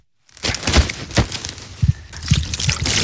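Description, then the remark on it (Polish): Water is poured and splashed over a carp, a steady wash of liquid with several louder sloshing bursts, starting after a brief silence and continuing without any talking. “Czyli stąd jest to polewanie wodą, ona nie może wyschnąć, no bo śluz jest naturalną ochroną dla tej ryby.”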